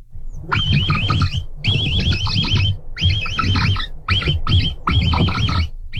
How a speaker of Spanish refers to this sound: pues vamos a escuchar primero el capibara y luego te revientas tu versión.